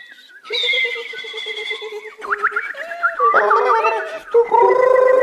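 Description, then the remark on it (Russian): Several songbirds kept in a zoo's directorate office warble and trill together in a steady, layered chorus, with bright sustained tones and quick pitch-sliding chirps that shift and overlap for the whole stretch, with no talking. “Дирекция зоопарка размещалась в одном помещении с певчими птицами.”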